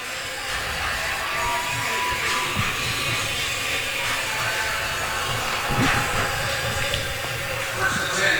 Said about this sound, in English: And the rain nearly stops. Still coming.